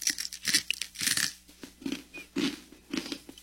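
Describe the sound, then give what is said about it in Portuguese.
A crunchy snack from Niger being bitten and chewed, a run of crisp, crackling crunches in an irregular rhythm with brief pauses between bites, no talking. “Crocante, né? É crunch, é.”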